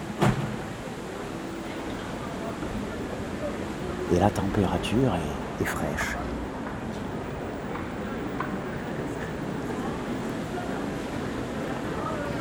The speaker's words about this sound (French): Il y a autour de cette gare aussi un petit parc avec des arbres. Le vent bruisse dans les feuillages. Il est même fort.